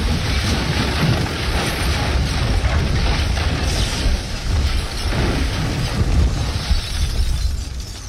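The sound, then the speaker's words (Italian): The airship Italia crashing onto the ice of the North Pole at 10:30 on 25 May 1928: a loud, sustained roaring rumble with crackling, grinding textures, holding steady for about eight seconds with no voices. “Alle 10:30 del 25 maggio 1928, il dirigibile Italia si schianta sui ghiacci del Polo Nord. È un impatto tremendo.”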